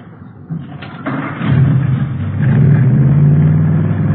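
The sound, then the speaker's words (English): A couple of thuds like a car door, then a modified hot rod engine with Mallory ignition, milled heads and twin Wakefields, about 120 horsepower, rumbles to life and runs loud and steady with a deep, throaty idle to the end. “Here, let me start it up for you.”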